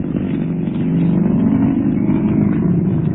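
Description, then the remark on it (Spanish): A Rolls Royce sports car engine roars steady, its pitch climbing slightly as it picks up speed, loud and continuous with no voices over it. “Solín iba a comentar algo, pero prefirió quedarse mudo al ver a Calimán imprimir velocidad al moderno auto Sport.”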